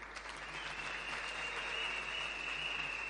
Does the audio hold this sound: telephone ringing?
no